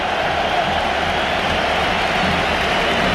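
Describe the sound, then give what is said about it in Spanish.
A football stadium crowd gives a sustained ovation as Rodri comes on as a substitute for Mar Bernal, a dense, steady roar of cheering and applause that holds at an even, loud level for the whole stretch, with no clear voices rising above it. “Y ahí está la ovación, la entrada de Rodri.”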